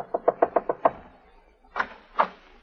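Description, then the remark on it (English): Rapid, urgent knocking on a wooden apartment door, knocked frantically by a woman: a quick burst of six sharp raps, a short pause, then two heavier, slower knocks, with no one speaking. “Now we find her knocking frantically on Jeff's door.”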